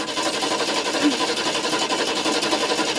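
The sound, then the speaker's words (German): A car engine cranks over and over without catching as a mother desperately tries to start the car, a rapid, rhythmic mechanical churning that stays steady and fairly loud for the whole stretch, with no voices. “Mandys Mutter versucht verzweifelt, das Auto zu starten.”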